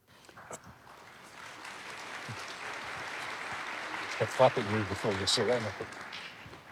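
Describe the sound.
An audience claps in a steady, dense wash of applause that swells and holds for several seconds, with a voice rising over it toward the end.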